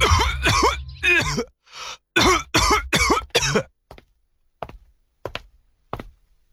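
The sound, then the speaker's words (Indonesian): A father who has had a persistent cough for over three weeks coughs in a rough, hacking burst of several coughs, then clears his throat a few times with short, sharp grunts that taper off quieter. No talking. “Bapak masih batuk, Pak.”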